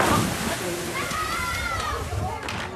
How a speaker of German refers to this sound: das war's hier vom Totenbrocksee in Beckum. Ich kann es wirklich empfehlen. Es ist ein wunderschönes Strandbad.